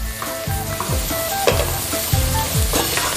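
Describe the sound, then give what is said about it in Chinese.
Cucumber sizzles steadily in a hot wok while a spatula scrapes and tosses it in repeated strokes, fairly loud, with no voices; the cucumber is stir-fried with salt only briefly, until just cooked, keeping it crisp. “那这黄瓜需要我在锅里炒烂吗？”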